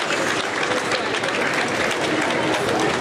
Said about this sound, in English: and applause inside, greeted by the Cabinet Secretary, who will introduce him to the staff of his new home.